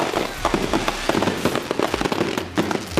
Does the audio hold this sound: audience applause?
no